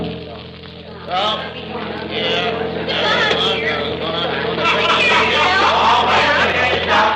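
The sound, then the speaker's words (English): A bus's engine rumbles steadily as it pulls in, its low drone swelling slightly, with a busy crowd chattering and murmuring throughout. “There's our bus pulling in.”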